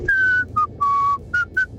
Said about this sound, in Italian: Indovina cosa prova a fischiettare.